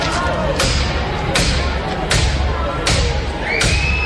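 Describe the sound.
Police repeatedly ram the street door of a building's entrance during an eviction: heavy battering blows strike it five times in a steady rhythm, each a loud, sharp crash, while a noisy crowd of voices murmurs and shouts continuously underneath.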